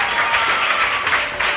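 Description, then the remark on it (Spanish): A crowd claps steadily, a dense wash of overlapping hand claps at an even, fairly loud level with no voices on top, sustained throughout the brief moment, applauding a contestant's correct answer on a quiz. “Es correcto, aplauso por favor”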